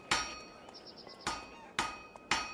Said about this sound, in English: Legend states that one day, Pythagoras was walking past a smithy's workshop, listening to the sound of the blacksmith's hammers on the anvil.